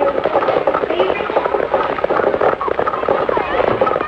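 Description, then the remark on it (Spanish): A one-horse cart carrying a grave-looking mature man approaches along a street: the single horse clip-clops at a steady walking rhythm, hooves clattering with the cart, under a dense, busy wash of murmuring voices and street bustle. “En ese momento, un carro tirado de un solo caballo se acerca por la calle.”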